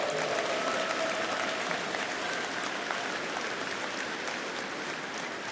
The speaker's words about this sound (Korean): 하나님께서 이 나라를 얼마나 사랑하시기에 또 극동방송을 얼마나 사랑하시고 또 얼마나 사용하길 원하시기에 이렇게 70년 동안 이어오셨는지 우리 다시 한번 하나님께 감사와 영광의 박수를 올려드렸으면 좋겠습니다.